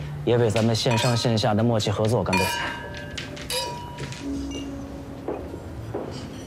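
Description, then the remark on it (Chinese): Glasses clink together in a toast to online and offline cooperation, several bright, ringing taps, following a burst of voices raised in unison; the tones linger faintly over quiet murmur. “也为咱们线上线下的默契合作干杯！”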